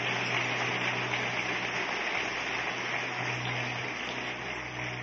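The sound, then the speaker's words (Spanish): A church audience applauds the Lord, clapping continuously for about five seconds in a dense, steady roar of many hands at an even loudness, with no voices rising above it and a low hum underneath. “Más fuertes aplausos para el Señor.”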